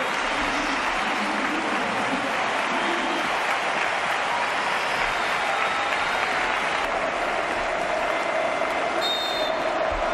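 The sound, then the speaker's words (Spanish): A huge stadium crowd at a football match gives a sustained ovation for a player coming onto the pitch in the second half, thick waves of applause and cheering roaring steadily and loudly for about ten seconds without letting up. “la ovación a Luka Modric cuando ingresó en el campo en la segunda mitad del partido”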